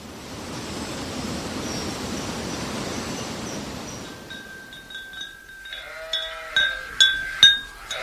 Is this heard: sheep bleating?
yes